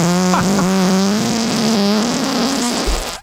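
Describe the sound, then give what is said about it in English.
A long, loud, buzzing fart, called a sea bass fart and recorded in March 2021, holds a steady low pitch with a slight wobble for about three seconds, then cuts off abruptly. No voices are heard. “Yeah, because we also have a sea bass fart in the Lloyd's.”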